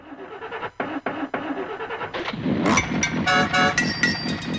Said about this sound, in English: Sounds like me in the morning trying to get the old jalopy going.